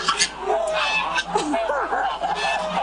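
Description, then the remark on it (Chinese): Several lion-head geese honk loudly and repeatedly as they are caught with a long hook around the neck at a goose farm in Chaoshan, Guangdong, China. Overlapping calls rise and fall in an agitated, continuous chorus over a steady background noise. “抓鹅要趁鹅在没有防备的时候，用长钩挂住鹅脖子。”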